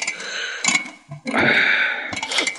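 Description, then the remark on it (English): An alarm clock being set, with bursts of mechanical clicking and ratcheting followed by a steady ticking, no voices present. “I'll just set the alarm.”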